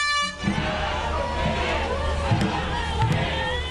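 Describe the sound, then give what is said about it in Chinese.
A large outdoor crowd along the Aberdeen waterfront in Hong Kong cheers and shouts continuously at a dragon boat race, with a horn blaring briefly at the start and steady drum beats thumping underneath the noisy, dense roar. “香港仔的龙舟竞渡赛被誉为是本港历史最悠久的龙舟赛事，至今已经有过百年历史，各支队伍随着鼓声和欢呼声乘风破浪。”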